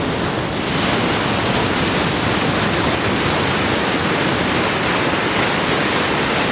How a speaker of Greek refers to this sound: Ακούσαμε θάλασσα. Θαλασσίτσα, ήχο της θάλασσας ακούσαμε. Αυτός ο ήχος της θάλασσας. Αυτό το κύμα που σκάει στην ακτή.